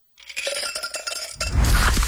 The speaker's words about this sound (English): You hear that? That's the sound of Pepsi Zero Sugar. The better tasting, more refreshing Zero Sugar Cola.